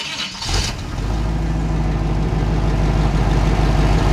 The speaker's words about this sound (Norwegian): Det ikke godt å si, den nok en liten lastbil, altså, tror jeg. Hva sa du? Det nok en liten lastbil, altså, der. Det riktig, men det ikke precis nok, da. Mercedes? Nei, det var en Chevrolet.